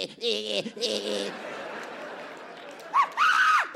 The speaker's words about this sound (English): See that? I scream like a bitch. You hear that? Bum repellent. Uh-huh. They can't take the decibels.